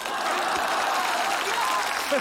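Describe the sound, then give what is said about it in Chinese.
A steady burst of audience applause, dense and continuous clapping from a group filling the whole moment, with a faint voice or two mixed in near the end. “哎呦喂，来就来呗，还鼓什么掌？”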